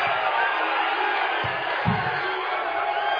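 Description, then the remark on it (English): A large crowd at a rally for President Trump roars and cheers in a steady, dense wash of noise that holds for the whole stretch, with a couple of brief low thumps underneath. “But, you see these people in the crowd. They seem pretty excited to see him.”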